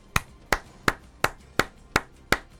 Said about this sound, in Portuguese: Antes, viu? Já tô aplaudindo antes, porque se for o mesmo padrão da Arupemba, da pista de kart, de poste no meio da rua, de rotatória que não serve pra porcaria nenhuma, vai ficar bom demais.